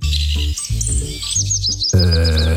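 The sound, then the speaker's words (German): A willow warbler sings a quick run of sweet, high whistled notes that slide downward in a cascading phrase, clear, over a steady low hum. “Der Filtes Laubsänger natürlich.”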